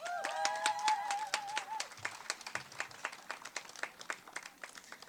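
A crowd applauds steadily, dense overlapping claps throughout, with a few whoops and cheers rising at the start before the clapping continues on its own, gradually thinning.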